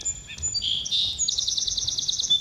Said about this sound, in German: Field Recordings von Vogelgezwitscher werden in John Cages Stück Telephone and Birds mit den akustischen Warteschleifen von Anrufbeantwortern gemixt.